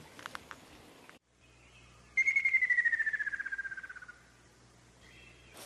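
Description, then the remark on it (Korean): A common kingfisher calls in a loud, rapid series of whistled pulses that slide steadily downward in pitch and fade over about two seconds, over a faint low hum with no voices. It is at a pond where the bird has bred. “새소리가 좀 특이하죠?”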